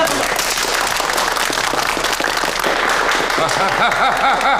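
A group bursts into steady, loud applause that keeps going for the whole stretch, a dense crackle of many hands, with some voices calling out over it toward the end.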